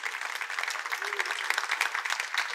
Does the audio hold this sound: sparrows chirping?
no